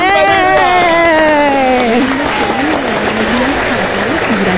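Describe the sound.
An audience breaks into loud, sustained applause, a dense wash of clapping that carries on for several seconds while a voice speaks or calls out over it.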